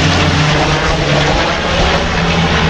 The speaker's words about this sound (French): Vu que la direction du vent vient par ici, voilà le canadaire.